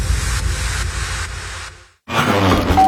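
Heavy, rhythmic panting with rough grunting breaths, loud and close, pausing briefly into silence before another burst of effortful breathing.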